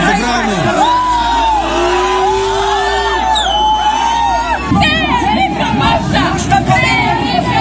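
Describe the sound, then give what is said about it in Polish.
A loud, agitated crowd of about 3,000 people shouts and argues around St. Lawrence church, demonstrating support for a dismissed priest, amid a quarrel and scuffle. Many voices overlap in a continuous angry clamor, with individual raised cries breaking through, growing more chaotic toward the end. “Wywiązała się kłótnia i szarpanina, a w opuszczeniu terenu parafii biskupowi musieli pomóc policjanci.”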